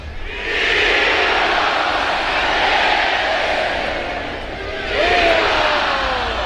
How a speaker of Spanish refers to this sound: Las voces de la Monumental, viva Aguascalientes, con un torero también de Aguascalientes y un toro zacatecano que es cumbre. ¡Qué bien toreado!